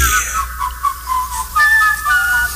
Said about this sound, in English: Will you stop the whistling? Stop it, driving me nuts.